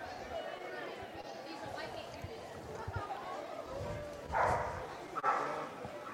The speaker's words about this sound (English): Dogs still barking, making their presence known at the ballpark.